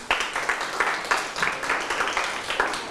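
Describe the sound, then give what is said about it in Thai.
A small group claps steadily for a few seconds for a classmate who answered a question about a Thai recitation poem, a dense patter of hand claps with no voices over it. “ปรบมือให้เพื่อน”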